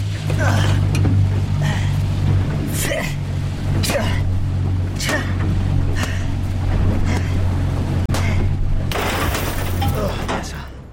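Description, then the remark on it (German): A powerful jet-drive boat engine roars steadily, its deep drone underlying bursts of rushing water and wind spray as the boat races on a direct course back toward a resort, with indistinct voices faintly mixed in. “Das Boot rast auf direktem Kurs zurück zum Resort. Abspringen bei Jetantrieb?”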